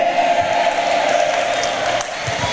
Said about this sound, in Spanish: Denle más fuerte ese aplauso al Señor, hermanos. Déselo y alabe al Señor, alabando al Señor y aplaudiendo al Señor esta noche.